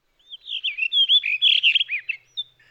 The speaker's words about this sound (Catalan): Ara sentim l'àmel·lera, un ocell un poc més petit que un tord. El mascle presenta un plomatge d'uns tons blaus molt elegants. La femella és d'un color marrón més discret.